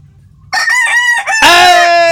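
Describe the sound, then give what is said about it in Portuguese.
A rooster crows loudly, a strained, harmonic call that starts abruptly after a brief quiet moment and rises into a long, sustained final note. “Ó, isso é o galo. Ele com o galo dele, olha só.”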